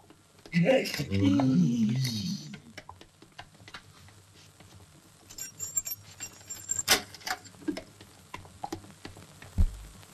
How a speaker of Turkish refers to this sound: Karı anahtarla açtı kapıyı.